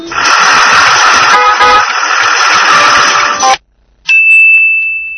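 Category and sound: vehicle, bus horn honking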